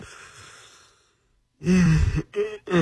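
A loud yawn into the microphone: a drawn-out breathy inhale fades away, then after a short pause comes a groaning, voiced stretch that breaks into a couple of bursts.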